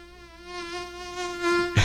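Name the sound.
mosquito buzzing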